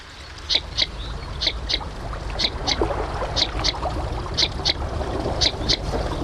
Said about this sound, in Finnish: tässä keskiviikkoillassa pääsemme kuulemaan nyt viikon luontoäänen. Se on lapasorsa